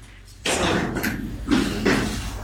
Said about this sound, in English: And you see two individuals get up, they walk out off frame. We hear their heavy footsteps as they walk away, not seemingly happy with what's happening.